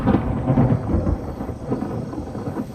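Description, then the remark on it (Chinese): A sustained, heavy rumble of thunder rolls on over steady rainfall, loud, with dense low-end energy that swells and fades slightly but never stops. No one speaks. “行了，你别打我了，下雨了，带你去避避雨，走。”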